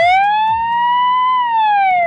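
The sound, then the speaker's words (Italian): The siren of an ambulance for humanoid robots in Japan, presented by a large Japanese company, holds one bright, electronic-sounding tone that slowly rises, then dips again over about two seconds, with no one talking. “Il suono della sirena non sarà quello al quale siamo abituati.”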